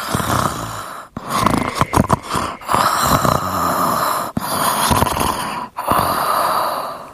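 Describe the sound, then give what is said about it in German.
Steady, rhythmic breathing that turns into snoring, with several long, raspy breath cycles separated by short pauses, close and fairly loud, with no voices. “Und bald hat man ein ruhiges Atmen in ein Schnurrchen aus dem Bad.”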